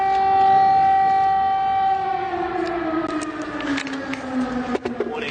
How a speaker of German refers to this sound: Schnell spürt auch der Bundeskanzler, was es heute bedeutet, in der ukrainischen Hauptstadt zu leben. Immer wieder heulen die Sirenen des Luftalarms, immer wieder sind Explosionen zu hören.